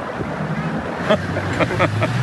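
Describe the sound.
A small rented motorboat's engine drones steadily out on open water, with wind buffeting and water splashing around it and a few faint voices calling out.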